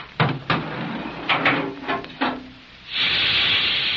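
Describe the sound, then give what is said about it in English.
A hydraulic or compressed-air elevator car descending fast: a run of uneven mechanical clunks and thumps, then a steady, loud rushing hiss of escaping air that holds to the end. “That's more like a hydraulic to me, or compressed air.”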